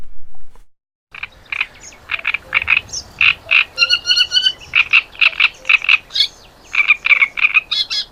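A great reed warbler sings alone after a moment of silence, a loud string of harsh, grating, frog-like croaks repeated in quick pairs and runs, broken by a few higher squeaky notes.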